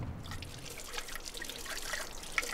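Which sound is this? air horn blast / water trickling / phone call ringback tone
water trickling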